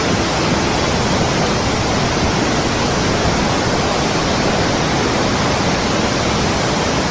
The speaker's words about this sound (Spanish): hay algo que quien ha estado ahí no olvida nunca, es su famosa cascada, que brota desde una cueva en la roca, especialmente durante el reventón, que llaman, cuando el agua surge con una fuerza descomunal tras lluvias abundantes como la de este año.